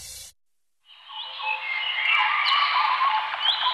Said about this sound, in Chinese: 鸟鸣，溪流，森林，草原，大海。